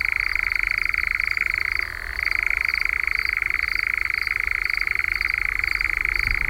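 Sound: european nightjar churring call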